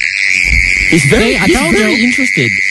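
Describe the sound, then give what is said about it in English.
A mole cricket, dug out of the ground in a suburb and brought into a studio, calls with a steady, unbroken buzzing trill, loud throughout, while a voice briefly speaks over it in the middle. “you've got Timmy the mole cricket. What do you think, Timmy?”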